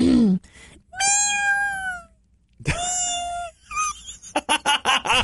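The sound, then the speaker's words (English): A person imitates a kitten, giving two drawn-out, high, wavering meows, followed by a quick series of short breathy bursts. “You know, one of the things that I do best is meow like a kitten.”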